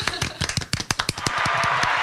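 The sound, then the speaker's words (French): Quick, sharp hand claps in an uneven rapid stream, roughly a dozen or more, applauding what someone has just said, then blurring into a steady rush of applause-like noise toward the end. No one speaks. “je te re-applaudis.”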